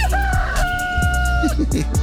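A rooster crows once in a long, sustained call, loud, with scattered clucking and chicken noises around it and steady background hum.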